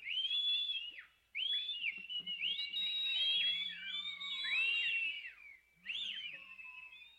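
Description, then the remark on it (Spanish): Several shrill warning whistles from the inhabitants of some settlements ring out, sweeping up and down and overlapping one another in quick bursts with brief pauses, loud with no voices. “Entonces acordé desde allí de volverme donde estaba Cortés reposando, porque los moradores de aquellas estancias ya comenzaban a llamar y nos daban gritos y silbos.”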